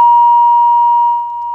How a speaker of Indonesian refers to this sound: Iya, terputus rupanya ya untuk telepon. Kita coba kembali bisa berkomunikasi bersama Prakirawan BMKG Maritim Kendari terkait cuaca, pendengar.